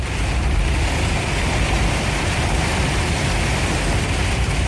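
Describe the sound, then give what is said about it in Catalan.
A car drives up the flooded main street, carrer Lluís Carulla, with water running down it like a river from side to side. Its low engine rumble is buried in a loud, steady rush of spray and splashing that holds constant throughout, with no voices. “Vaig parar i vaig gravar, però també vaig voler fer algun vídeo conduint carrer amunt.”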